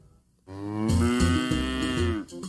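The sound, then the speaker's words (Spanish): A single long, loud cow moo, rich and harmonic, lasting about two seconds before trailing off, with no talking. “¡No! ¡Es el de una vaca!”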